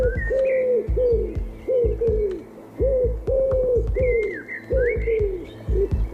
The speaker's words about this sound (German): Was ist das denn? Oh, du hast taubisch gesprochen.